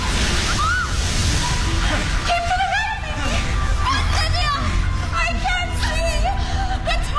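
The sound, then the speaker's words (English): Loud, continuous rushing and sloshing water of a rising river, a churning torrent with faint voices and shouts mixed into the roar. “Father, the river is rushing towards us.”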